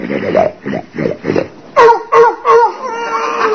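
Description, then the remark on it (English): Loud snoring by a woman: four steady, rasping snorts in a regular rhythm, followed by three louder, higher-pitched whistling wheezes, then a lingering nasal whine. “is downstairs eating and her nose is up here snoring.”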